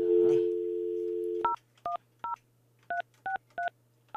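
A steady dial tone hums, then cuts off as seven short, clear keypad beeps are pressed in quick, slightly uneven succession, each a crisp two-tone chirp, fairly loud, as a radio host dials a listener's phone.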